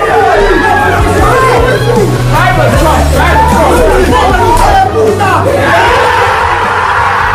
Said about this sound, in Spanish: esta que escuchamos fue la locura que se desató en el centro de entrenamiento del Arsenal, donde estaba reunida toda la plantilla ganera al completo tras el pitido final de ese Bournemouth City que hacía campeón al Arsenal.